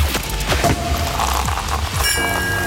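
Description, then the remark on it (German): A sparkling wine cork pops with a dull thud, followed by dense, crackling fizz and bubbling that brightens into a hissing spray near the end; fairly loud, with no talking. “Immer wenn wir nämlich die Korken knallen lassen.”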